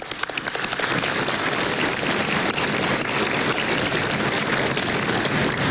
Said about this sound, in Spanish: Algunos no aplauden con el suficiente entusiasmo y los entiendo, pero igual gracias.